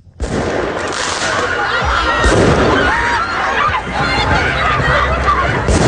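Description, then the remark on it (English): A chaotic outdoor street scene in Paris during student-led protests: a dense, continuous roar of hundreds of students running down the street, shouting and clamoring, punctuated by occasional sharp bangs and crackles of fireworks being let off. “The sound of fireworks being let off and hundreds of students running down the street in Paris.”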